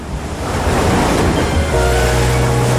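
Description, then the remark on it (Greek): Waves break on the shore in a loud, continuous rush of surf and hiss. About halfway through, a low steady drone joins the crashing water. “Εκεί που σκάει το κύμα, ξεκινάει η απόλαυση.”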